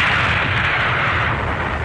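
A loud, sustained roar of an artillery shell explosion, a dense rumbling wash of noise that holds steady for about two seconds without any clear separate bangs or voices.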